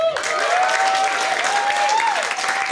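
A crowd applauds the house band loudly and steadily, dense clapping filling the whole stretch, with a sustained tone gliding slightly in pitch running through it.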